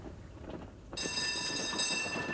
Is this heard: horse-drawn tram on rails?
yes